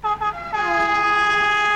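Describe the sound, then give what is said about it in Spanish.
A loud train horn from a train in Chile's Ñuble region: two quick short blasts followed by one long, sustained chord-like blare, with no voices present. “Con F Trenes de Chile, la región de Ñuble más conectada que nunca, te invitamos a revisar nuestros itinerarios y horarios”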